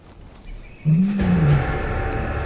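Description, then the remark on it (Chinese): A single deep, drawn-out lion roar rises and falls, then gives way to a steady rough, noisy rumble that continues to the end. No one speaks. “狮子知道什么时候应该放弃，但他们还会回来的。”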